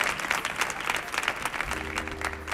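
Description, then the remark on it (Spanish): A crowd claps steadily and continuously throughout, a dense wash of many hands at moderate volume, with a low hum joining in toward the end. “Mira, mira, mira, sin pedir el aplauso, ¿eh? Solo. Mana, mana. El aplauso.”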